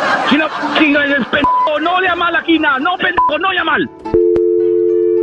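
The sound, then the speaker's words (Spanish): A person talks, with a couple of short keypad beeps mixed in, then the talk stops and a steady telephone dial tone hums after a click, signalling a number being dialed. “Vamos a marcarle, chamacos.”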